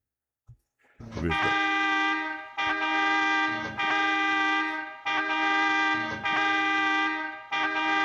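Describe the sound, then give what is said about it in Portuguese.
A loud, brassy multi-tone horn sound effect blares in a series of long, sustained blasts, about six in a row with brief breaks between them, dominant with no talking. “Escutou essa buzina? Não escutou a buzina que eu botei?”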